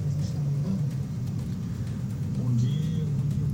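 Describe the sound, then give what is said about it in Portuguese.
Steady rumble of slow, jammed road traffic, with heavy truck engines droning and a motorcyclist weaving between the trucks, a brief revving swell near the end, while a faint voice sits under the noise. “Olha só o motoqueiro ali se arriscando entre um caminhão e outro. Aí o trânsito já é travado, né?”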